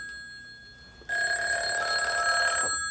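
A telephone bell rings loudly with a bright, sustained metallic trill for about a second and a half, then cuts off; a fainter steady tone hums before it starts.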